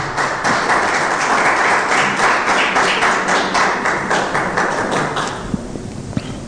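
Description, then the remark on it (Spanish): An audience applauds Jesus loudly and steadily, the clapping falling into a regular rhythmic pulse, then thinning out toward the end to a few scattered claps. “Dele ese aplauso poderoso a Jesús.”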